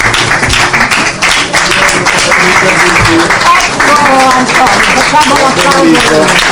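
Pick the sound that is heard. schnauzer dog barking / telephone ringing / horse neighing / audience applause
audience applause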